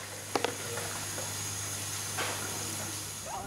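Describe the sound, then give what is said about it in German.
A washing machine runs next door with a steady low hum under a constant broad hiss, with two quick clicks near the start and no one talking. “Die geht ja hier nebenan, ne?”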